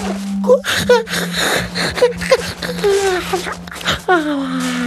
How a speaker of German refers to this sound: Der kleine König gähnt noch mal kräftig.